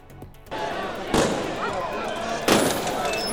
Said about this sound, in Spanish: Esto que escuchan son los disparos al aire que ha tenido que lanzar la policía para contener a los miles de migrantes que querían lograr una de las plazas en el campamento del puerto de Ceuta.